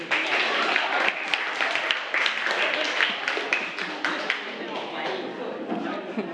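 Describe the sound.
A group of students in a classroom clap their hands together at the teacher's request in a steady, dense burst of applause lasting several seconds, with voices and chatter mixed in underneath.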